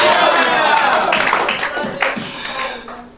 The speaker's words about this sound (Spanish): Ay, Dios mío, dale un aplauso de gloria a Jesús de Nazaret en esta hora.